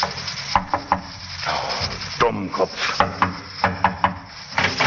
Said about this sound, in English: Finally, about midnight, the general drove up before a barber's shop in North London. He got out of the taxi and, after looking about very carefully, knocked at the barber's door.